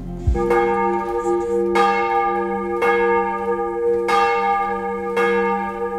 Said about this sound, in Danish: Klokkerne ringer til morgenandragt fra Vor Frue Kirke i København.